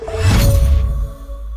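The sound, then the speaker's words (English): A steady buzz of a housefly droning past, thin tonal hum layered over a brief breathy whoosh and low rumble, fading slightly toward the end. No voices. “Oh, where did you come from? Buzz off!”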